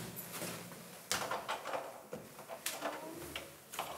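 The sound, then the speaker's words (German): Sharp metallic clicks and scrapes at an apartment door lock as the wrong key is tried, jiggling and rattling in several quick bursts with brief pauses, with no voices. “War klar, es ist der falsche Schlüssel.”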